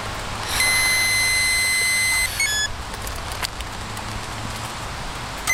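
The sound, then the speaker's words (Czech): A steady, high electronic tone holds for about two seconds over a breathy rush of air as a motorcyclist exhales into a police breathalyzer tube during a roadside check at Červenohorské sedlo, Czech Republic. The tone then cuts off with a couple of short beeps, leaving a low outdoor traffic rumble. “Můžete podobu tónu, výdech do trubičky.”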